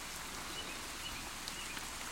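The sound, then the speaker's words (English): A steady, soft hiss of rain falls continuously outside a radio studio in Louisville, fairly quiet and even throughout, with a few faint high chirps in the background and no voices. “It is, in fact, raining outside here at the WXOX studio.”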